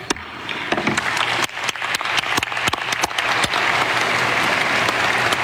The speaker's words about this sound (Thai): ลีบยองฮยอนประธานคณะกรรมการมรดกโลกเคาะค้อนอนุมัติมติหมายเลข 48.8B.23 เป็นการรับรองอย่างเป็นทางการให้ขึ้นทะเบียนวัดพระธาตุขออภัยค่ะวัดพระมหาธาตุวรมหาวิหารจังหวัดนครศรีธรรมราชเป็นแหล่งมรดกโลกทางวัฒนธรรมแห่งใหม่ในวันนี้นะคะ